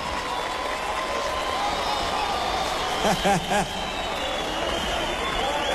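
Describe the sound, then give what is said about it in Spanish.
A crowd applauds the symphony orchestra steadily and loudly throughout, a dense wash of clapping with murmuring voices, and a few short rising cheers or whoops break out midway. “Un fuerte aplauso para la Sinfónica.”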